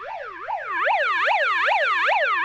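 A small toy bullhorn megaphone from Spencer Gifts sounds its electronic siren, whooping in quick, repeated up-and-down sweeps, loud, about two wails per second with no voices over it.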